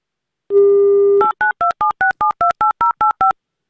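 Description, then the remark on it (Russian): A steady telephone dial tone hums for under a second, then ten quick two-tone keypad beeps follow in a brisk, even rhythm as a number in the Republic of Tatarstan is dialed to call a viewer. No one speaks. “Будем звонить и узнавать.”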